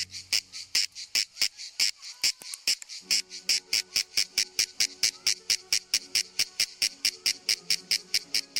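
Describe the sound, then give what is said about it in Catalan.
A loud, shrill song of a male brownish-grey insect, produced during the middle hours of the day by vibrating a membranous structure under its body: rapid, evenly spaced rasping pulses, several per second, repeating steadily with high-pitched buzzing throughout, and no talking. “Durant les hores centrals del dia, els mascles emeten una renou molt estrident produïda per la vibració d'una estructura membranosa que tenen davall del cos i que actua com a caixa de ressonància.”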